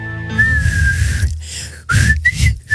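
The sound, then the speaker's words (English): A person whistles a short theme tune: one long held note, a brief pause, then a few quicker rising notes. Faint breathy noise and low background rumble sit underneath. “I haven't perfected the whistle yet. Try it right now.”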